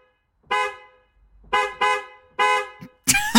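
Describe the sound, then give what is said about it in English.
A car horn, played for a guess-the-car game, honks four times in uneven bursts, one short beep, then two quick ones close together and a longer blast, loud, before a brief burst of other noise. “Well, we play you a car horn. All you have to do is to work out what car is it.”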